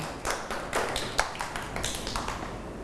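A group of children clapping together, a dense run of quick, overlapping claps with a few sharper accents, sustained for a few seconds at moderate loudness with no talking.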